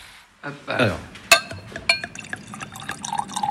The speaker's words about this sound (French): Hop, je sers un deuxième verre du coup.